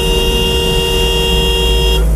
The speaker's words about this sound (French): On était dans des bouchons, bon, il y en a quelques-uns qui klaxonnaient.